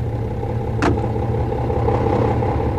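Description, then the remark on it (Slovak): A car engine idles with a steady, low rumble throughout. A brief sharp burst of noise cuts in once near the start, and no one speaks. “Hej, Váňuška, sadaj rýchlo na auto.”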